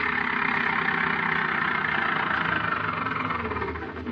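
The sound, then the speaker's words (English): A car approaches a woman standing at the edge of Fairfield, on the road to Gold City. Its engine runs with a steady, broad rumble and hiss, holding an even loudness before easing slightly at the end. No voices are heard. “A car is approaching her.”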